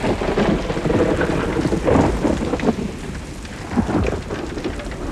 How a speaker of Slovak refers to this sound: Pozrite, aké krúpy. Ako vajíčka. To nám chýbalo jablone obsypané pukmi a také je to krúpobytie.